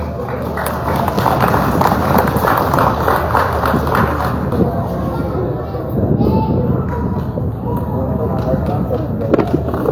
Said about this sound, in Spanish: Fuerte los aplausos.